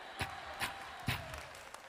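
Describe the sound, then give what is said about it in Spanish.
A Pentecostal audience clapping along in rhythm: three sharp, evenly spaced claps followed by a few fainter ones, fairly quiet and with no voices. “Esos que están aplaudiendo así son pentecostales, de verdad.”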